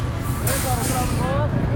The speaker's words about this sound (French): Voilà, il y a un bus qui arrive, un bus blanc, qui arrive sur ce parking.